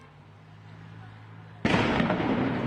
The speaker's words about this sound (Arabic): هذه قنابل الصوت والغاز التي يواصل جنود الاحتلال الإسرائيلي من داخل ساحات المخيم بإطلاقها من داخل الساحات اتجاه الفلسطينيين في الخارج الذين لا زالوا يتكدسون بالآلاف بسبب إغلاق كل الطرق